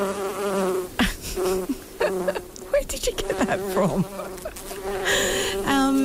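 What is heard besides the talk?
buzzing fly sound effect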